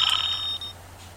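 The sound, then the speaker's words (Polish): A synthetic electronic Skype incoming-call ringtone chimes briefly on a computer in bright, high-pitched tones, fading out after under a second over a low steady hum. “Ten dźwięk to nie jest dźwięk mojego telefonu, to jest dźwięk programu Skype.”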